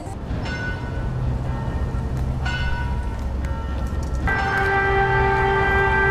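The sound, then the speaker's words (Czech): Church bells ring out at noon on a town square in 36.1 °C heat, with several slow, resonant strikes whose long humming overtones overlap, heard amid steady outdoor background noise, with no one speaking. “Pravé poledne a kromě zvonění kostelních zvonů je i pravidelná zkouška sirén.”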